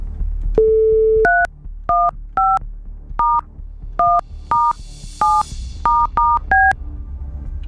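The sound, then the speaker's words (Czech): A short dial tone, then a telephone number being punched in to place a call: about eleven quick touch-tone beeps in an uneven rhythm, clear over a faint background hum. “Už vidím i telefonní číslo a jdeme volat.”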